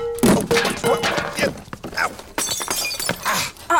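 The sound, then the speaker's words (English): A water pitcher is knocked over and breaks: a loud crash of breaking crockery or glass, followed by scattered clattering shards and a few more knocks, with a voice talking over part of the commotion. “my best water pitcher.”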